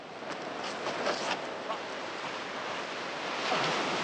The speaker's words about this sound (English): Coal truck cable cars pass overhead, silhouetted against the pale sky, and breaking waves wash the empty beach as the chase continues.